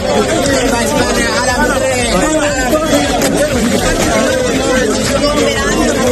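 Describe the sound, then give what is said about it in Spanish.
A large crowd of migrants shouts and cheers "Viva España" over a constant roar of overlapping voices, loud and continuous throughout, with excited calls rising out of the din, on 30 July. “¡Viva España! Gritaban algunos de los que entraban.”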